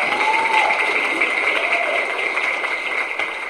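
Steady, dense applause from an audience fills the whole stretch, a broad wash of many hands clapping at once, fairly loud and even with no voices over it.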